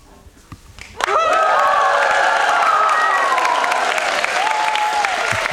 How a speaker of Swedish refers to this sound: Ja, de har redan vält in, som du hör. Det är fullsatt här i Studio 4 och alla är väldigt förväntansfulla på det som ska hända.